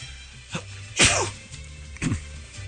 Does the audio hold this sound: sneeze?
yes